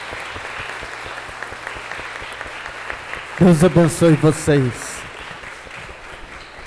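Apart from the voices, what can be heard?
round of applause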